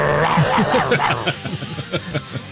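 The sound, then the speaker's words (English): A person makes a series of short, rhythmic growling and snarling noises with their voice, fairly loud, like an imitation of an angry animal, with no words spoken. “There is a meditative session for the 600-day half-day retreat and a guided ritual that aims to help women express their rage through screams, growls, and expressive behaviors. The growling?”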